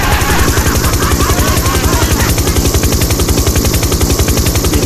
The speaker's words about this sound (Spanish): Cuidado con el helicóptero, amigo, porque la otra vez la señora se quejó que le había despertado a los gatitos.